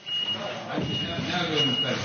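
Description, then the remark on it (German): A forklift's reversing beep sounds as a steady high-pitched tone over the rumble and clatter of construction work at the Church of the Holy Sepulchre in Jerusalem, where a rope on the forklift's arm slowly lowers a heavy stone into the floor being restored, with indistinct voices mixed into the background noise. “Es klingt wie auf einer normalen Baustelle. Am Arm eines Gabelstaplers hängt ein Seil mit einem schweren Stein, der langsam in den Boden eingelassen wird.”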